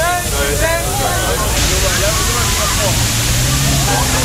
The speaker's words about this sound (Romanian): În centrul Berlinului, jandarmii au folosit tunurile cu apă ca să răcorească oamenii.